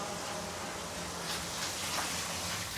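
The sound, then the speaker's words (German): Water runs and splashes in a steady, continuous hiss, moderately loud, flowing on demand for elephants, with no voices over it. “Na bitte, Wasser auf Bestellung.”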